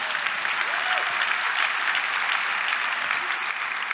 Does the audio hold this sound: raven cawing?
no